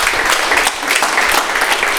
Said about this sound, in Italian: ti facciamo un applauso di incoraggiamento.